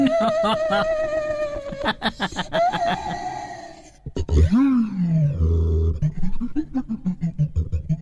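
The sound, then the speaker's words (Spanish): A daxophone, an experimental musical instrument, played with bowed, sliding tones that grunt, snicker and roar like a strange animal voice, loud, with pitch swoops and a sudden break midway. “Es el sonido de el daxófono.”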